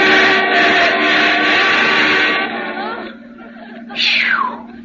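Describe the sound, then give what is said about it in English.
A car rushes past, going around another car, with a loud, rough roar that fades away over a few seconds, then a brief high whine sweeps sharply downward in pitch. “Here comes a car. No, wait! Stay on this side. He's going around you.”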